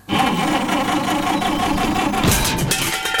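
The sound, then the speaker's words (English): A car engine churns and sputters as it struggles to start, a loud, continuous mechanical grinding with a rough rhythmic pulse and no voices. “Oh no. Got trouble with the car?”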